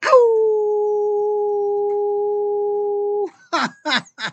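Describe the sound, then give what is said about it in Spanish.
A person imitates a wolf's howl: one long, steady, mid-pitched cry held for about three seconds, followed by a few short, breathy bursts. No one talks during it. “Y no comenzamos, sino que vamos a lanzar un aullido energético para todos y cada uno de ustedes.”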